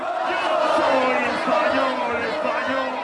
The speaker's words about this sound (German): So jubelt Spanien sich ins Finale. Mit dem Abpfiff gibt es beim Public Viewing auf Madrids Plaza de Colón kein Halten mehr. 6000 Fans feiern ausgelassen den Sieg gegen Frankreich.